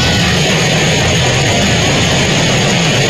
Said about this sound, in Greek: Λοιπόν, προς Καλαμάτα από Τρίπολη, απίστευτη βροχή. Ακούστε τον ήχο.